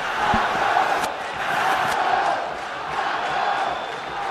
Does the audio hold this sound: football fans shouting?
yes